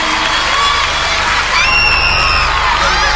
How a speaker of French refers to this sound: Eh, on peut l'applaudir plus fort que ça. Bravo.